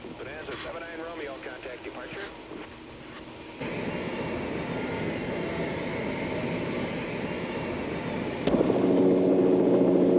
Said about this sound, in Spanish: Señoras y caballeros, la tensión aumenta por minutos aquí en el aeropuerto de Salt Lake City. Está llegando un helicóptero de las fuerzas aéreas.